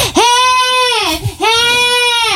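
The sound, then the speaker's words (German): A person imitates a crow with two loud, drawn-out, nasal caws separated by a brief pause, each harsh and strongly harmonic with a slight downward bend in pitch. “Du hattest mal eine Krähe. Oh, schrecklich. Ganz laut, ziemlich genervt hat sich diese Krähe. Und du hast sie aber trotzdem perfekt nachgemacht.”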